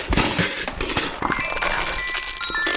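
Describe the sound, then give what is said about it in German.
A few dice and a small metallophone fall out of a cardboard box of odds and ends: small hard objects clatter and tumble out in a rapid burst of clicks and knocks, while bright metallophone tones ring out and linger through the second half. “Hier, das hat sogar dabei noch Musik gemacht. Mein kleines Metallophon ist mir rausgepurzelt.”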